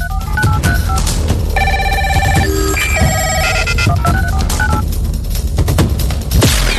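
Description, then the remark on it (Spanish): A telephone bell rings amid a rapid string of stepped electronic phone tones, loud, layered over a heavy, rumbling background with no one talking. “Honramos el invento que logró conectar al mundo entero.”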